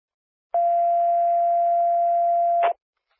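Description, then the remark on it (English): A single steady radio dispatch alert tone, sounded at 23:06, holds one mid pitch for about two seconds over a faint hiss of static, opening and closing with sharp clicks as the transmission keys on and off. “Time of tone is 2306.”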